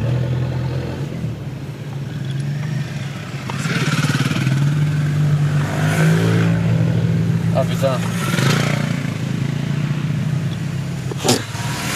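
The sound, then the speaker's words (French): A motorcycle roars past the car in a rural village, rising and fading over a few seconds against a steady low engine drone inside the vehicle; a man mutters briefly. “T'as entre les vélos et les motos dans ce bled, hein, je te jure.”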